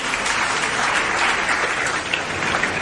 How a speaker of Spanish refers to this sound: Muy bien. Felicidades al ganador, un aplauso.